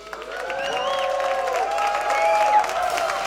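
An audience applauds steadily for the trumpet player of a live band while voices whoop and cheer over the clapping, holding a fairly even, lively level throughout.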